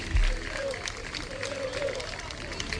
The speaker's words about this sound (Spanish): Que ya lleva los aplausos son para el autobús del Sporting que se marcha. Sí, pues. Se aplauden al autobús del Sporting que está saliendo ahora mismo